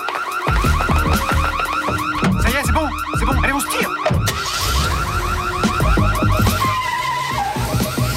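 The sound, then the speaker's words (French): A loud electronic alarm blares nonstop during a robbery, its shrill tones warbling and cycling in rapid repeating bursts, over a low rumbling background. “Si une alarme s'est déclenchée en plein braquage, la bande a réussi son coup.”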